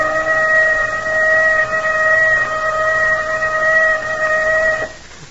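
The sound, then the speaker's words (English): A loud, steady warning whistle blares on one unwavering pitch with bright overtones, holding for nearly five seconds before cutting off abruptly, leaving a low rumbling background. “There's that whistle.”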